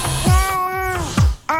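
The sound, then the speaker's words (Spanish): A cat, Gato Ñao, gives one long, drawn-out meow, then starts another right after a brief pause, loud and clear with no talking over it. “Ya, si tienen algo para comer, dice el Gato Ñao, que le traigan mañana.”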